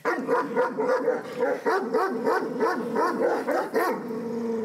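Kangal puppies, almost 10 weeks old, at a stable, bark and whimper in a rapid, overlapping stream of high, yelping calls with rising and falling pitch, steady and fairly loud throughout, with no talking.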